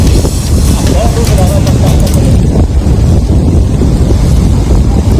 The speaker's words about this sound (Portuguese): É um tufão mesmo. É um tufão. Foi de louco. E vou mostrar, vou colocar aqui pra vocês. Escutem, escutem. Deixa aqui. Deixa eu ver se vai lá. Vai. Vai. Olha o vento.